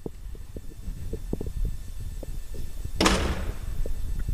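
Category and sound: household object, door being opened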